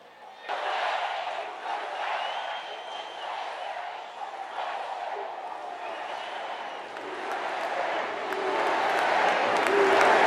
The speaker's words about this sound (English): Barely minutes into his speech, though, the first of what appeared to be a coordinated line of demonstrators began shouting, stopping the president in his tracks.